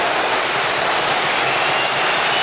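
Sustained applause from a large stadium crowd at a Super Cup football match, applauding a shot by young Yunus Akgün; a dense, even wash of clapping that holds steady and loud throughout, with no voices standing out.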